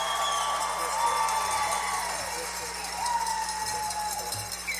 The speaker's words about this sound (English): Let's let our radio audience know that we have a few folks here this evening. Can you applaud and let them know that you're here?